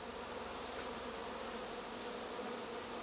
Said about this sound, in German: Guck mal, wie sie jetzt alle rein wollen. Das ist gar nicht mehr zu sehen, das Loch. Jetzt wollen sie auf einmal so total schnell rein. Dicht gedrängt, aber friedlich, laufen rund 30.000 Bienen in ihr neues Zuhause.